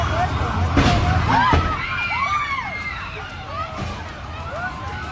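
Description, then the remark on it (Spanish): Hundreds of gas tanks in a warehouse in Colombia explode at night amid flames: a few loud explosive bursts go off at irregular intervals over a constant roar, with high whistling, arcing tones sweeping between blasts. Faint indistinct voices sit in the background. “No se sabe qué ocasionó la explosión de cientos de tanques de gas, pero se informó que por lo menos 26 personas resultaron heridas y hubo varios fallecidos.”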